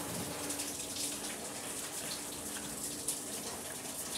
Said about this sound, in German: Einmal, das ist jetzt auch warmes Wasser, nur dass wir sie sauber haben. Einmal hinten da die Schieterei. Genau, dass wir das alles sauber machen können.